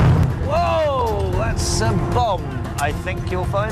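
Loud, continuous rumbling booms and bursts of a staged explosion in a reenacted attack on a historic Ottoman train in Jordan, performed for tourist groups and recorded by a BBC television team, with a sharp hissing crackle partway through, while people shout throughout.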